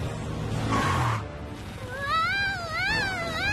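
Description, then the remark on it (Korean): A cat gives a drawn-out, wavering yowl in the second half, its pitch rising and falling across two long cries, after a short burst of rushing noise at the start. “고양이가 짖네?”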